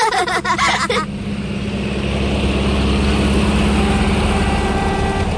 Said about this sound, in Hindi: अरे वाह पहलवान चाचा, नए ट्रैक्टर पे घूमने निकले हैं, है ना?